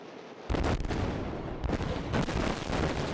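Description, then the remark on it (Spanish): A deep controlled blast in the bed of the Danube River in Romania erupts suddenly and keeps roaring, followed by another rumbling burst as debris and water crash down, loud with no voices. “Es la explosión controlada en el Danubio a su paso por Rumanía.”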